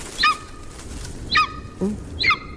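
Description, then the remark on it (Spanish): A golden eagle gives three sharp, high yelping calls about a second apart, with a brief lower grunt-like note between the last two, heard clearly over faint background noise. “No, es una águila. Águila real. Es una águila real.”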